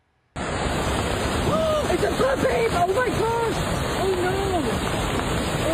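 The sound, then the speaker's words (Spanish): Floodwater carrying mud and rocks roars loudly and steadily through a canyon in Zion National Park, Utah, after heavy rains, a dense, unbroken rush that begins abruptly and never lets up, with voices faintly talking over the din. “Autoridades cerraron carreteras, cancelaron las excursiones porque grandes corrientes de agua, lodo y rocas descendieron por los cañones del parque.”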